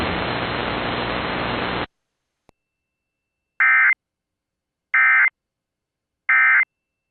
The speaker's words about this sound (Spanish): Esto es una prueba mensual coordinada del sistema de alerta de emergencia de las estaciones de radio en su área